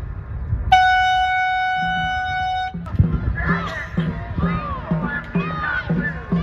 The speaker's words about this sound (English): Those are the rhythmic and competitive sounds of dragon boat racing. The sport is over 2,000 years old and originates in China. The boats are long, thin, and often decorated with dragon heads and tails. They're also very fast.